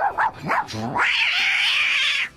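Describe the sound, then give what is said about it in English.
A voice imitates a dog and cat fight as part of a performer's routine: a few quick snarling, yowling bursts, then one long, high, strained caterwaul, loud with no other sounds. “routine, I did like a dog and cat fight, a lot of, you know.”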